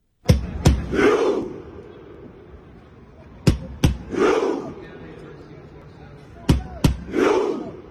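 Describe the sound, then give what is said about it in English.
A huge stadium crowd of Norway football supporters performs a rhythmic rowing chant, the whole grandstand pretending to row a Viking longship: two sharp booming beats followed by a collective roar, repeated three times at a steady pace with echoing reverberation. “And if you haven't seen it in action, the whole grandstand is pretending they are rowing a Viking longship. And the sound is really quite impressive.”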